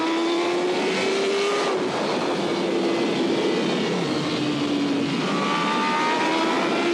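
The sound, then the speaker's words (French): A motorcycle engine screams loud, its high whine climbing in pitch through several hard accelerations over a constant roar as it runs through three fast right-hand bends, the bike lifting very slightly under acceleration, with no voices. “Et là, quand on accélère, la moto se lève très légèrement.”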